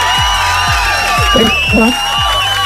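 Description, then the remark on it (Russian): A loud crowd cheers and whoops continuously, rising voices sweeping over a dense roar of applause-like noise, with steady low thumps pulsing underneath about twice a second; applause for a listener who has won a Europa Plus thermos mug. “И эти аплодисменты тоже для тебя.”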